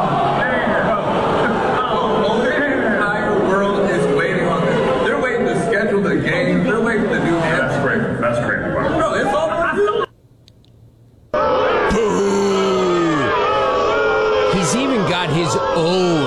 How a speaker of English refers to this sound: Booing him.